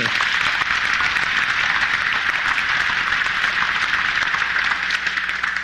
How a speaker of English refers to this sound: An amazing man. Gotten to know him so well. Jensen Huang. Jensen, you know, go ahead. You can clap for him.